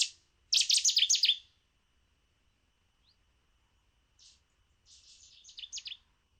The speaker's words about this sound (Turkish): Ya bu en zoru. Çok duymadığım bir tür. Kamış bülbülü diyorum. Evet, kamış bülbülü. Doğru. Ama tanımlaması biraz daha zor. Daha yüksek sesli geldi bana.